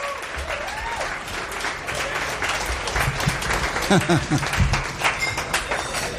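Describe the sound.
An audience at a live music show breaks into steady applause for the guitar and keyboard player, a dense wash of many hands clapping at moderate loudness, with scattered cheers and some voices rising through it.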